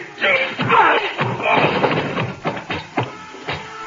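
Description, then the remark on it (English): A scuffle of blows: a loud, messy thud of a punch landing as a man is knocked out, followed by several sharper, briefer impacts spaced about half a second apart, with grunting voices mixed in. “Oh, do you think knocking him out is enough?”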